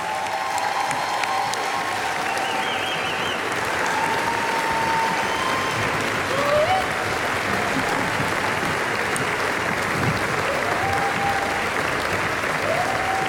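Sustained audience applause welcoming a group of singers onto a stage fills the whole stretch, a dense, steady wash of many hands clapping at once, loud, with faint whistles or cheers rising occasionally above it.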